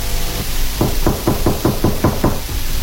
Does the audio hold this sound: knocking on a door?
yes